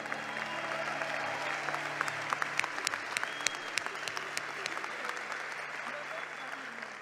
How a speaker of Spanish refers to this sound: Ahí viene. Es la primera vez que viene a Grace. ¡Qué pena, brother! ¡Un aplauso para él!